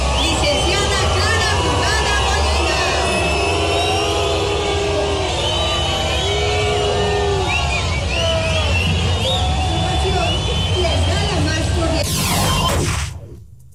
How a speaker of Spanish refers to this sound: No me quedó claro si fue abucheo, ¿no? Sí. Estaban diciéndole brugada. Brugada. ¿Sí? No, sí fue abucheo.